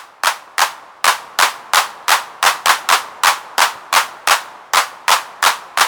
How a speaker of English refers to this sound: Take the hand clap. It isn't a recording of real hands at all, but a series of carefully timed bursts of filtered white noise designed to recreate the feel of a crowd clapping together.